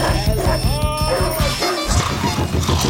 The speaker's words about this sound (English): Barking dogs?